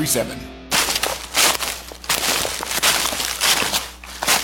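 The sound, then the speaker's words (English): Footsteps crunch through dry leaves outside in a steady series of crisp, crackling bursts, each step loud and rustling, after a brief tonal sound at the start. “The leaves are crunching outside”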